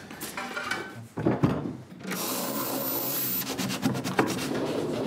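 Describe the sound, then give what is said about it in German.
A wooden drawer in a cabinet in an escape room slides open with a dry scraping rub, heard in a few bursts over about five seconds, moderately loud, with no one speaking. “Und wenn ich dann nachher alle Fähnchen richtig gesetzt habe, öffnet sich wieder eine Schublade.”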